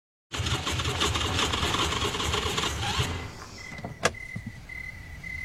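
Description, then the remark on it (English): A car engine rumbles steadily, then sputters and dies out after about three seconds as the car runs out of gas among cornfields. A sharp click follows, and a thin, steady high tone lingers in the quiet. “I guess we gotta walk to get some gas.”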